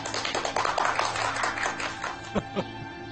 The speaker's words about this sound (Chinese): 掌声欢迎。